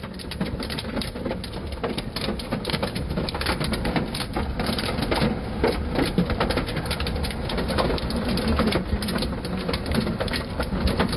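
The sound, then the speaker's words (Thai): Hard, dense pelting of hailstones on a car roof during a hailstorm in the Lat Phrao and Ratchada area of Bangkok, a continuous rattling roar of sharp impacts with no letup, steady and loud throughout with no voices. “ขนาดที่มีเพจหมอโอ๊กโพสต์คลิปลูกเห็บตกโซนลาดพร้าวรัชดาพร้อมกับระบุว่าคืออะไรเกิดมาเพิ่งเคยเห็นเสียงเนี่ยเหมือนโดนปาหลังคารถเลย”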